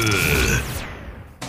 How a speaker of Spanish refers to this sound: Ay, pero qué gritote.